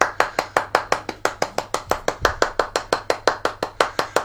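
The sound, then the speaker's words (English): Steady hand clapping, about five crisp claps per second, even and mechanical in rhythm for around four seconds, with no voices over it. “That's almost turning into a sarcastic clap.”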